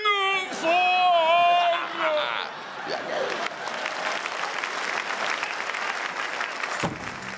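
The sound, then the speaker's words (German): A crowd on a market square cheers, opening with loud sliding whoops and yells, then settles into a dense, steady wash of clapping that stops abruptly near the end. “Ja, und dann schub ich sie mit dem Schubkarren über den Marktplatz und die Menge jubelt.”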